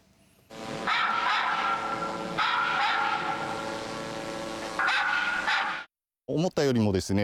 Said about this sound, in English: As dogs barking were projected from the drone.